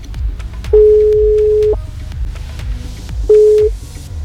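A telephone ringback tone from an outgoing call made by the host: a steady, fairly loud one-second beep, a pause, then a second beep cut short, all over a rhythmic music bed.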